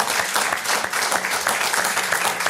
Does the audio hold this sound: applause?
yes